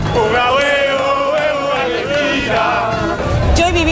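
A crowd of several thousand Argentine football fans in Times Square, undeterred by rain, chants and cheers loudly and continuously, many voices blending into a sustained, rhythmic football chant with wavering sung tones, energetic throughout.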